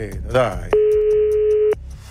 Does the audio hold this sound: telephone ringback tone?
yes